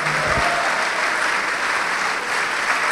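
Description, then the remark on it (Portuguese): An audience applauds Jesus steadily during a church service, a dense, even wash of many hands clapping at a loud, constant level for the whole stretch, with a brief low thump near the start. “Olha só, vamos aplaudir mais, vamos aplaudir mais.”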